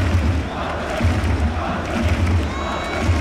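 A large stadium crowd roars and cheers continuously, a dense wall of shouting voices with a few higher whistles or calls cutting through, sustained and loud throughout.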